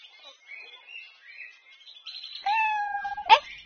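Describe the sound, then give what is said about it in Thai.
A single drawn-out meow of a wild cat, loud, rising out of faint high chirping background noise and ending in a short sharp burst. “ที่ตรงนี้คงใกล้กับที่อยู่ของแมวป่าแน่ๆ”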